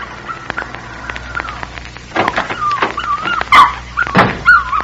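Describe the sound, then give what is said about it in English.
A small puppy whimpers and yips in thin, high-pitched cries, with a steady whine early on and sharper, louder yelps bunched toward the end, heard alone. “As I approached the house, I saw a little girl kneeling over a puppy.”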